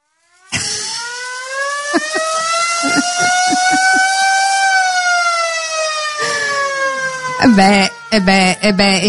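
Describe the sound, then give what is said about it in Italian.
A siren played as a musical instrument gives a loud, sustained tone that rises and slowly bends in pitch, swelling and falling for several seconds before ending in short, choppy bursts of voices and noise. “Potremmo fare un festival solo su quello, il festival della sirena.”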